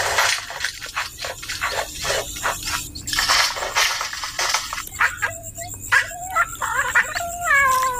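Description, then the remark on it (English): A bowerbird in a river red gum tree mimics cat meows, giving a string of wavering, nasal mews that rise and fall, clear, over a busy background of outdoor noise and clicks. “Not only did our bowerbird mimic cats, but what can only be described as someone messing around in the men's shed.”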